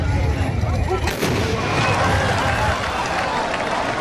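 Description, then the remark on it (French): A loud, simultaneous volley of large traditional rifles fired at a Moroccan tbourida fantasia bursts out as one booming crack, followed by a rolling rumble and steady crowd noise with indistinct voices throughout. “À chaque coup, ça nous fait vibrer.”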